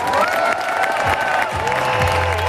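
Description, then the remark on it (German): Loud, sustained applause from a large audience on a hot afternoon at the Bad Homburg Open, for tennis star Angelique Kerber at her farewell match; dense clapping with cheering voices and a few whistles rising over it, steady throughout. “Und dafür gab es an diesem heißen Nachmittag in Bad Homburg den größten Applaus.”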